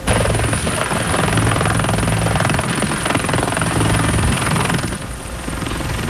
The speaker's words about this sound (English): He arrived in a military helicopter.